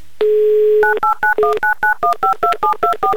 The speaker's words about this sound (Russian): Номер телефона оперативно и быстро набран.